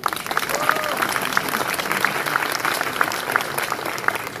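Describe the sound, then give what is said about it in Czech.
A room full of people claps steadily, a dense, even patter of applause holding at a consistent level from start to finish, with a faint murmur of voices underneath. “Prosím o potlesk.”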